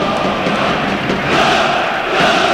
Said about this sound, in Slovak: Ten sa udeje pod kotlom domácich fanúšikov, ktorých teraz môžete počuť aj v našich rukových mikrofónoch.